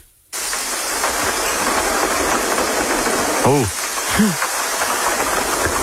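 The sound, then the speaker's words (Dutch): Heavy rain pours down in a dense, steady roar that starts abruptly and fills the whole clip, with a voice briefly exclaiming partway through. “Dit is wel echt een enorme regenbui.”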